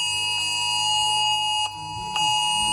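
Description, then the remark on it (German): A loud, continuous cell broadcast emergency alert tone from phones in Germany, a harsh stacked chord of steady pitches held throughout, with a brief dip in volume near the end; no voices. It sounds on the nationwide or state warning day, reaching all phones within range of a cell tower. “Ja, das hören wir immer am bundes- oder landesweiten Warntag, wo ja nicht nur getestet wird, ob alle Sirenen funktionieren, sondern eben auch Cell Broadcast.”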